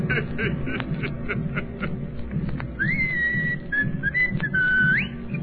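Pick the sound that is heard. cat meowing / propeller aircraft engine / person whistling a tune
person whistling a tune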